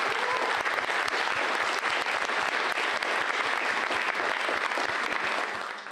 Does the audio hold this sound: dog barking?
no